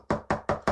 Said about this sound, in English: We're knocking on that wood.